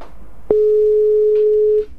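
A steady electronic telephone ringback tone from a call being placed begins abruptly and holds one mid pitch for over a second before cutting off, heard alone without any talking.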